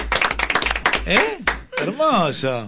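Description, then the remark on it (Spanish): A quick burst of hand clapping, a dozen or so rapid claps, gives way to a voice making drawn-out vocal sounds that rise and fall in pitch. “No, che, el aplauso, no. El aplauso.”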